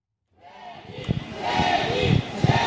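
A crowd of about 100 fans waiting outside the Hotel Royal Monceau near the Champs-Élysées in Paris for a singer to leave for rehearsals, just after wind and rain eased, fills the air with overlapping chatter and excited shouts, rising in loudness after a quiet start, with a few sharper cheers and calls standing out.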